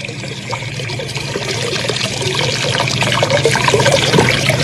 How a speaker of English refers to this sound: Well, at least I'm not sure, but that water, there ought to be a lot more water than that coming through the gate, a whole lot more.